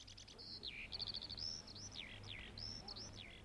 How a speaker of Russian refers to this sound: Над проталинками запели жаворонки. Сколько проталин, столько и жаворонков.